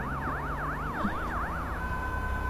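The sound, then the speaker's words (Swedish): An ambulance siren wails in a fast, repeating up-and-down pattern as the ambulance drives away, then settles into a steadier tone near the end, heard over a low background rumble with no voices. “Den kör iväg.”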